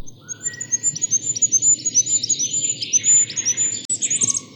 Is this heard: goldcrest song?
yes